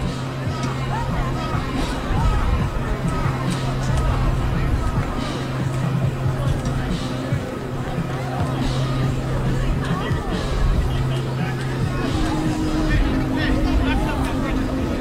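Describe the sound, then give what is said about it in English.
A crowd at a football game murmurs steadily while a player is tended on the field, many overlapping voices blending into an even babble with no single speaker standing out, over a low, constant hum throughout. “And the crowd is gathering a little bit here.”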